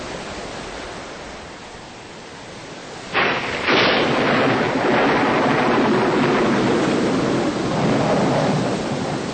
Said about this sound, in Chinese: 你疯了，正在下雨，等雨停了再回家嘛。